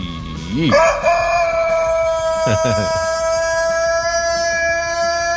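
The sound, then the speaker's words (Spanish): A rooster crows loudly at dawn in Toluca, one long drawn-out cock-a-doodle-doo that rises sharply, then holds a steady wavering note for several seconds, with no talking over it. “Él es un gallo, se llama Valentín y canta así.”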